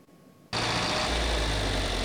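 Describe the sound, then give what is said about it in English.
After a brief hush, the engines of John Deere tractors from a Northeast Nebraska family's tractor collection, heading to auction, kick in abruptly and settle into a loud, steady rumble, the deep low end thickening as they keep running. No voices. “The rumble of these John Deere tractors is more than the sound of an engine.”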